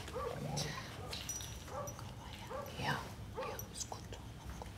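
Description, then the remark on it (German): A Romanian street dog, at most 4 years old, whimpers and yips at the vet in a string of short, high, rising whines, moderately loud, repeating every second or so over a dull background. “Also es ist ein rumänischer Straßenhund, da weiß man das nicht so genau.”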